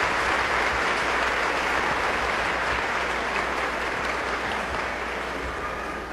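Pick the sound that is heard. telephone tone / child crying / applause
applause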